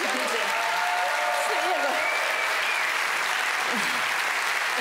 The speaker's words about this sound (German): einen ganz, ganz großen Applaus. Herzlichen Glückwunsch nochmal.